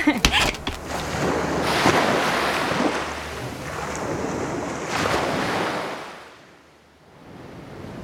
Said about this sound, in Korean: 집에서도 파도 소리가 들리네요. 첫째 날은 좀 무서울 게예요. 이 파도 소리가 집안을 삼킬 것처럼 들릴 거거든. 그래도 둘째 날부터는 익숙해져요.